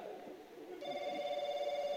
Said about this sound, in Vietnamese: Có điện thoại kìa bà. Tao có điếc.